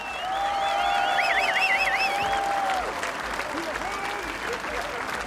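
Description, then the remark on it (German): A crowd claps steadily and loudly throughout for the musicians standing on a staircase who play in the beer tents for 16 days, with piercing whistles on top: one long held note and some trilling, warbling whistles during the first three seconds before the applause carries on alone. “Ein großer Applaus und Dankeschön an euch alle.”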